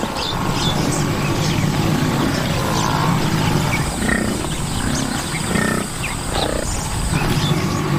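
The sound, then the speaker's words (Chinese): Lions at a lookout spot in the dry season, watching herds of herbivores come to drink, growl and rumble in a steady, deep, loud stream of low grunts. Faint bird chirps flicker above, with no voices. “狮子占据着绝佳的观察位置，注视着来这里饮水的大批食草动物。”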